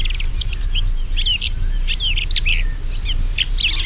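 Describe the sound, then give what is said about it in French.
A shrike (pie-grièche) gives its short, harsh, hissing cha-rock call again and again in an irregular series of brief high notes, over a steady low background rumble. No voices are heard. “Son cri s'entend plus fréquemment, c'est un chuintement court, un cha-rock.”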